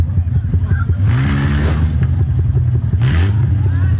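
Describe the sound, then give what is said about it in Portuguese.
In Belo Horizonte, the engine of a red car revs and accelerates as its driver tries to pull away while surrounded by motorcyclists during an argument, its pitch climbing in two surges over a constant low rumble of idling motorcycles, with indistinct voices in the background. “O carro é cercado, ele tenta acelerar e leva um soco de um dos motoqueiros.”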